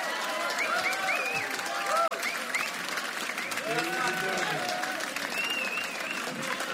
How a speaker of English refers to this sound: Ladies and gentlemen, a huge applause for …!